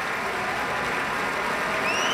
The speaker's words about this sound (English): More applause for Pablo Sáenz Viegas. Continuing applause for Pablo Sáenz Viegas.